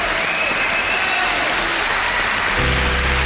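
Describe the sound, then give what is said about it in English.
An audience claps steadily in a dense, crackling wash of applause lasting a few seconds, with a low hum or tone entering near the end. “But you get the applause.”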